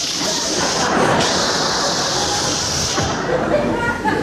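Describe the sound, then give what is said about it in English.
A person makes a long, steady hissing noise with their mouth, imitating air leaking out of a balloon. It holds at an even loudness for about four seconds, unbroken. “And he was a clever little balloon, because he didn't want to look conspicuous himself, and he decided on his way out of the room, he'd let some of the air out of himself. So he'd be there, shh.”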